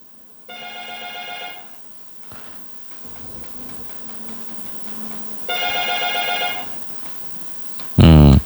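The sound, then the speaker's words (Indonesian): A phone ringtone for an incoming WhatsApp call sounds twice, each ring a bright, buzzing tone lasting over a second, separated by a pause with faint voices in the background, before a sudden loud burst of noise at the end. “Kalau tidak bisa kuangkat di telepon WhatsApp, kuangkat dulu di telepon WA.”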